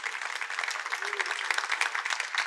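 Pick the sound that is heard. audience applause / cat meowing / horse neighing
audience applause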